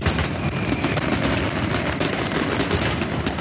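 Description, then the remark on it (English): A loud, dense barrage of fireworks going off, with rapid overlapping cracks and bangs filling the whole stretch without a pause. No voices can be heard. “Or you can listen out with either myself or Banksy throughout this week, and we'll have family fireworks tickets to give away when you hear this.”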